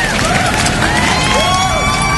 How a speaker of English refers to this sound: But let's have a little bit of a practice. All right, the left side of the room. Let's get a little bit of round of applause.